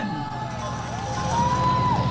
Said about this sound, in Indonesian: Tepuk tangan yang meriah untuk Kabupaten Padang Pariaman.